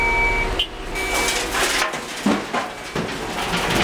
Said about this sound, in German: Am Rand der Landstraße eine abgezäunte Fläche mit grauer Schotterpiste. Alle paar Minuten rücken Muldenkipper an und laden Grobgestein ab.